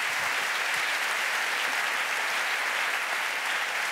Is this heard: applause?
yes